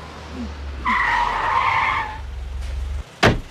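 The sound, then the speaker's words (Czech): Car tires screech in a sustained, high-pitched squeal over a low engine rumble for about a second as a car speeds off, then fade as the engine drones on, ending with a sharp bang. “Za tou károu nemá smysl jet.”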